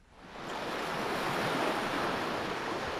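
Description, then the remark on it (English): Ocean waves wash steadily onto the shore of a bay off the coast of Narrabup in southwest Australia, in a broad, continuous roar of surf that swells up at the start and holds loud throughout, with no voices present. “Plunging into the salty ocean, they swim across the crystal blue bay and back.”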